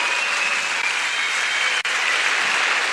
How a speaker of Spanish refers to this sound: que le den ese gran aplauso de reconocimiento y de amor durante toda esta trayectoria.